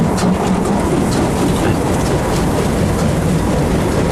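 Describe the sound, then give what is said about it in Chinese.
A train runs steadily along the rails, a loud continuous rumble with dense rattling and faint clattering over the full four seconds; nobody speaks. “文教授，你也在这趟车上？”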